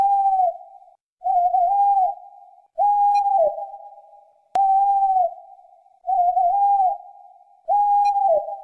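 A bird's call repeats six times at a steady pace, each a drawn-out, mournful whistle about a second long, loud, with short silences between and no voices; the bird is one of the three birds said to inspire the most fear.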